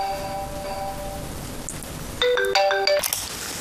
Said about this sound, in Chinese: 我老板， 那快接啊！ 他不会让我去加班吧？ 那也得接啊，老板电话都不接，不想混了。